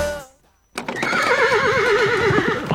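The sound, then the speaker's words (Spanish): A horse whinnies loudly, a long quavering neigh with wavering pitch lasting about two seconds, after a brief fading sound and a moment of near silence. “¡Si son caballos!”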